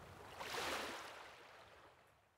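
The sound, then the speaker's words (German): A single soft wash of water swells up and slowly fades away as a small wave rolls in and recedes at the shore in Schleswig-Holstein, Germany, with a little wind. It is quiet, with no voices. “Ein bisschen Wind, ein paar kleine Wellen und schon geht's rein ins nasse Vergnügen.”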